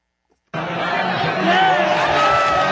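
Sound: soccer fans cheering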